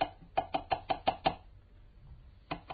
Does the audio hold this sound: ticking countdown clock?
no